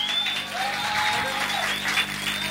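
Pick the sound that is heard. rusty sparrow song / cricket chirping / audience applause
audience applause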